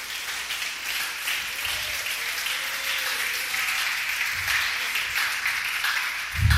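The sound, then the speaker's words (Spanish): An audience applauds for Christ, steadily, a dense wash of many hands clapping at once that holds its level for several seconds, with a few faint voices mixed in. “Si tú quieres, le da un aplauso a Cristo.”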